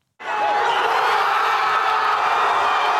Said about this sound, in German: Der Jubel auf der Plaza Colón kennt keine Grenzen. Wenige Minuten vor Ablauf der regulären Spielzeit endlich das erlösende Tor. Spanien ist im WM-Halbfinale. Doch zunächst erleben Tausende in der Fanzone im Zentrum Madrids ein Wechselbad der Gefühle.